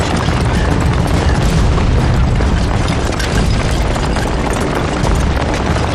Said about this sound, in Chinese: 南昌起义，在我们这里也有响亮的枪声。